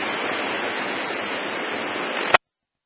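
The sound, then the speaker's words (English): A fire hose being bled lets out a loud, steady rush of spraying water that runs for about two seconds, then cuts off abruptly with a sharp click. “Guys, want to bleed that real quick? Go ahead, we're going to switch crews.”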